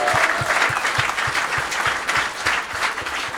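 A crowd applauds steadily, a dense, even patter of many hands clapping with a faint regular pulse running through it, sustained and fairly loud throughout.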